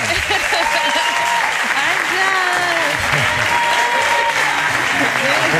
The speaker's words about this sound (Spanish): Tenemos esta artista que nos acompaña, esta catedral, y Àngels Barceló, por favor, denle un aplauso nuevamente.